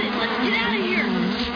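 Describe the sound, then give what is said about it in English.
A dense, continuous buzzing of many wasps swarming, a steady droning hum that fills the whole short stretch without pause. “A hasty retreat, or we'll end up a fool for the wasps ourselves.”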